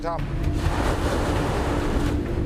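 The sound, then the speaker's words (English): A boat heads into strong wind with the tide going out as a storm approaches, on the North Sea near the German port of Emden, pushing through choppy water with steady roaring wind buffeting and sloshing waves filling the whole stretch, loud throughout. “It's a little more extreme than usual today, heading into the wind with the tide going out.”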